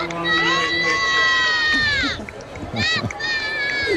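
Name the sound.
crowd chanting and applauding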